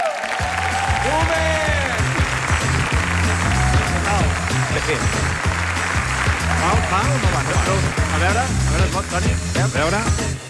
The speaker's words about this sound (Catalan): Toni Clapés, sisplau, endavant. Home, fora aplaudiment pel boomer!